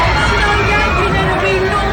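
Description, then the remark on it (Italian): A dense, loud crowd commotion with overlapping shouting voices and a rush of movement, a chaotic surge of people during a truck attack on the crowd in Nice, filling the whole short moment. “Poi il camion sulla folla a Nizza.”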